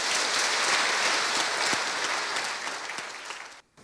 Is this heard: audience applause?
yes